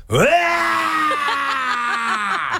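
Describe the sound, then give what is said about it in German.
A voice imitates a man who cannot drive a manual car stalling his mother's car as he pulls away: a loud, sustained groaning engine tone that starts to judder and hiccup in a rapid, uneven series of jerks before cutting out. “er kann keinen Schaltwagen fahren. Und dann, wenn er losfährt, klingt es ungefähr so.”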